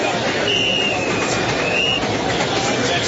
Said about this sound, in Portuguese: A estação estava cheia de gente e o trem chegava, outro trem partia, e era aquela movimentação propriamente de um terminal de trem.